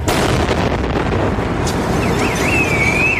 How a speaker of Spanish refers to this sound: Los terroristas hacen estallar al paso del autobús un explosivo colocado en los contenedores más próximos a la parada. El estruendo y la vibración de esa explosión llegan a la calle Sagunto,